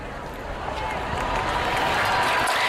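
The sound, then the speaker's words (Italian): A crowd breaks into steady, dense applause as a commemorative plaque recalling Pope Leo XIV's visit is unveiled in the presence of King Felipe VI and Queen Letizia, many hands clapping together in a continuous wash that swells slightly louder as it goes on. “In questo momento, dall'applauso lo deducete, è stata scoperta.”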